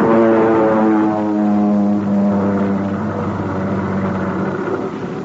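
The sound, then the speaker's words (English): A propeller airplane, coming in again in the dark, roars low overhead, its loud, steady engine drone filling the whole stretch with a slight shift in pitch as it passes. “Well, the plane's coming in again, Pat.”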